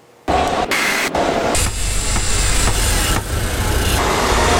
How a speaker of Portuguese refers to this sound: São Paulo tem mais de 11 milhões de habitantes. Então a gente vive assim, no trânsito entre buzinas e motores. Porque a quantidade de carros nas ruas é impressionante.